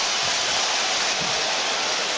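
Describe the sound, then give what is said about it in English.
Basketball fans cheer at a New York Knicks game as the Knicks are about to challenge a call, a dense, steady roar of crowd noise that holds at an even, loud level throughout with no single voice standing out. “Now the cheering you hear from the fans, I believe that the Knicks are going to challenge here.”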